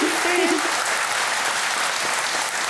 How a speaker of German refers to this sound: Alles Gute, der Applaus zu Ihnen.